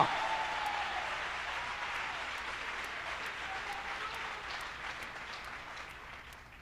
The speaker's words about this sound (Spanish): Y yo se los presento a ustedes esta noche. No sé quién conoce a ese amigo, que le aplauda ahora.